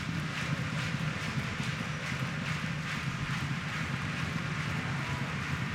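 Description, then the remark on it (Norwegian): A large stadium crowd does a thunderclap, clapping and stomping in a steady, rhythmic beat, loud and continuous, over a dense roar of crowd noise with no voices standing out. It happens during a football match between Viking and Sarpsborg as Viking win a corner kick. “Og da kommer trampeklappen.”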